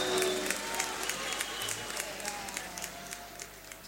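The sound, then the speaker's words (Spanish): An audience applauds "los hijos de los barrios" steadily, a dense wash of many hands clapping with sharp individual claps popping out, holding fairly even and easing slightly toward the end. “Aplausos para los hijos de los barrios.”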